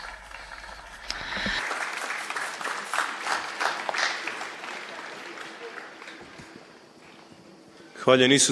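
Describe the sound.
An audience applauds to welcome a priest for several seconds, a dense wash of many hands clapping at moderate volume that gradually thins out, followed by a man beginning to speak.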